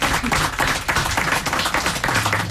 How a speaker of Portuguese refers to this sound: Também um aplauso para o … com a sua guitarra portuguesa.